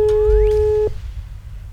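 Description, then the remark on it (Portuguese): A telephone rings with one steady electronic tone lasting just under a second as a Berocan FM radio host places a call to a listener, then cuts off abruptly, leaving a low background hum. Nobody speaks. “Atenção, atenção, o telefone está tocando.”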